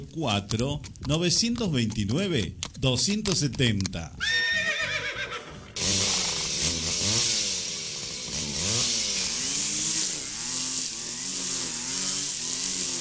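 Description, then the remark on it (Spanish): A horse whinnies and snorts in quick bursts, then a loud chainsaw starts up and runs steadily, its engine rising and falling in pitch as it revs. “STM, servicio de motosierras, ahora en Alpa Corral.”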